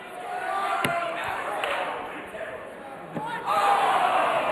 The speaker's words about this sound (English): I think the crowd noise made it pop up. It's so loud in here.